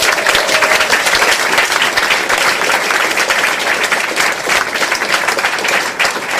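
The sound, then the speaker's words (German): Sustained audience applause for singer Gesine Schäfer, a dense, steady wash of many hands clapping at even loudness for several seconds, with no voices standing out. “Applaus für Gesine Schäfer!”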